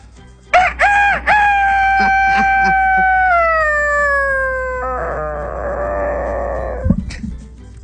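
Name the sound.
rooster crowing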